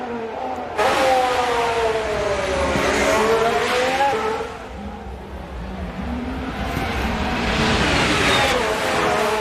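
A racing car on its out lap, bringing its tyres up to temperature, revs its engine loudly up and down through gear changes, its pitch rising and falling steadily, with a brief whine of tires and no voices.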